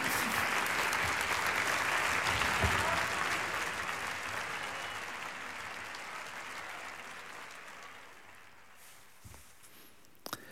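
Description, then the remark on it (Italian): An audience applauds the winner of the fifth edition of the Voci in Barcaccia singing competition, a dense, steady patter of clapping that holds strong for several seconds, then gradually thins and fades, with a few last scattered claps at the end. “E noi riprendiamo la linea qui in studio in Via Asiago con questi begli applausi che hanno accolto anche il vincitore Carlos Fernando Reynoso di questa quinta edizione del concorso Voci in Barcaccia”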